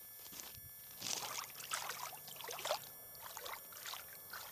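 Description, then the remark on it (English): Water trickles and splashes softly in short irregular bursts, like a hand swishing through a shallow stream; the water is a little cold but not yet cold. No voices are present. “Oh, the water still feels good. The water's not cold yet, but it's probably because it's also still kind of warm out.”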